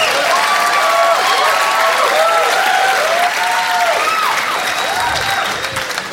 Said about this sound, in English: You don't have to clap every time I take a drink. I really am just thirsty. You guys are a great crowd.